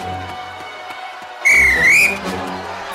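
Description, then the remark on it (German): A referee's single loud, shrill whistle blast with a wavering, trilling pitch, signalling a foul in a football match, cuts in at about one and a half seconds and holds for under a second over a low background rumble. “Foul! Der Schiri Wolf zeigte Kompala die rote Karte und schickte ihm vom Feld.”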